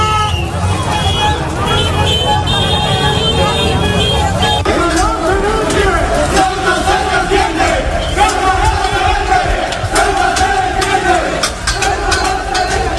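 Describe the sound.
A large crowd of hundreds of residents in Ceuta shouting and chanting in protest against migrants, a dense, continuous roar of many raised voices with overlapping yells, loud throughout with faint traffic rumble underneath.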